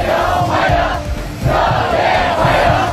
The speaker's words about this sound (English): And cheering students have welcomed Donald Trump to Beijing, where he's due to have talks with China's president.